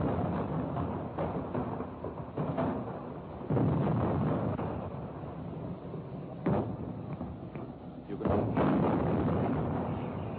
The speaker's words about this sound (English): You can feel the whole earth shake here, and you can hear the sounds echoing amongst the hills from one mountaintop to another. And now I can hear the sounds of the shells falling, coming back in a series of dull crumps.